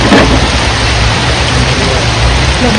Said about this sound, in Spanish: Y entonces ocurrió lo que nadie quería. La lluvia arreció. Los truenos rompieron el silencio y complicaron aún más la búsqueda. El agua se llevó cualquier sonido y con él la posibilidad de escucharla.